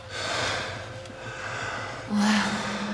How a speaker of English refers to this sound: Now the two lads are panting in sync.